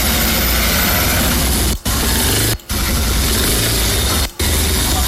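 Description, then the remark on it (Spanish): A motorcycle engine runs loud and steady, a dense rumbling roar broken by three brief, sudden cutouts where the sound drops away for an instant. “Ajá, ahí está el motociclista.”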